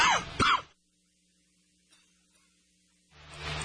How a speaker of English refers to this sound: Sorry, don't mean to cough into the mic. That just happened. It came upon me before I could get to the microphone and turn it down.